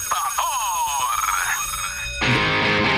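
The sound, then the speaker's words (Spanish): An electronic alarm clock rings with rapid warbling, chirping tones for a couple of seconds, then gives way to a louder, harsher burst of noise at the end. “¡El despertador! ¡El despertador! Son las 6 de la mañana.”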